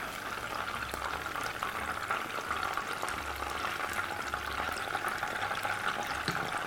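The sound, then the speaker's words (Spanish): Battered fish frying in hot oil, a steady dense crackle and hiss of bubbling fat with scattered sharper pops, continuous and even in loudness throughout, with no voices. “Esta masa está muy bien para esto, para hacer pescado rebozado, con una cobertura un poquito crujiente.”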